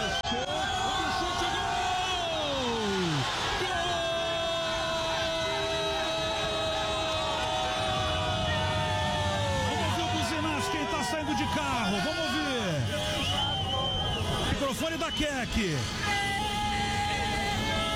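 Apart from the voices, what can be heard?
football fans celebrating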